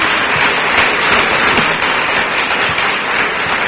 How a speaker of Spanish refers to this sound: Dale un buen aplauso al Señor ahora.